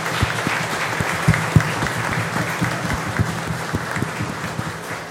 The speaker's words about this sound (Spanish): Aprovechamos a darle un aplauso entonces a las que están aquí. A ver. Y para el cielo otro aplauso para las que ya partieron, ¿no?